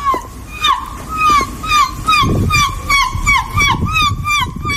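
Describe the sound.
A woman's voice, a winning seagull-impression competitor, imitates a seagull with a rapid run of about a dozen shrill, wavering squawks, steady in rhythm and fairly loud, over a low rumbling background noise.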